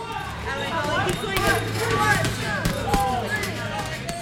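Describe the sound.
Dull thumps of punches landing on a heavy punching bag, coming in an uneven series over a steady background of voices and gym chatter.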